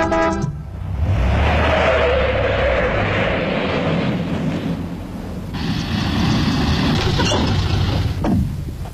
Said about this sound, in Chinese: 汽车在一道铁栅栏门前戛然停住